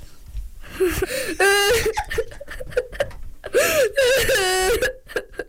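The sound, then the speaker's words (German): A voice imitates crying, with two rising, wavering whimpering wails broken by sniffly gasps, fairly loud, with no other sounds. “Mit meiner Stimme kann ich weinen.”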